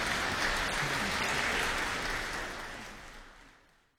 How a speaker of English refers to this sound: I think that applause at the end says it all. What a great way to send off this final performance on this season of Live from Hochstein.